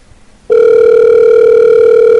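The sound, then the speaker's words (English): A steady, loud electronic telephone tone starts abruptly after a brief quiet moment and holds at one unbroken pitch, like an outgoing call ringing on the line, placed at midnight to a free reading phone line that does not answer. No one speaks. “They won't even answer.”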